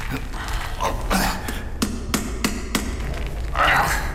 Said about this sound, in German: Die Tresortür klemmte. Obwohl sie nicht verschlossen ist. Wie gut, dass ich Hammer und Meißel dabei habe. Treten Sie bitte etwas beiseite.